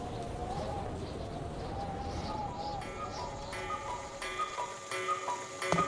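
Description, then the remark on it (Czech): A cuckoo clock ticks steadily while soft cuckoo calls sound over it as it strikes twelve o'clock, with a faint murmur of background noise throughout. “Když kukačky ohlásily 12, babička začala vyhlížet dědu, protože měla oběd na plotně.”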